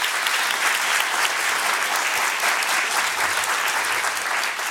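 Sustained applause from an audience at Kulturhuset for Hanna Sahlberg, a dense, steady wash of many hands clapping at a fairly loud, even level throughout, with no voices standing out.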